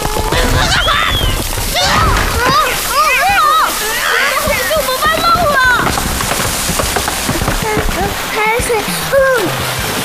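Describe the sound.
Seawater splashes and gushes in with a steady, loud rush throughout, while several voices cry out excitedly over the churning water.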